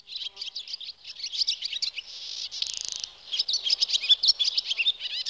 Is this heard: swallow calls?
yes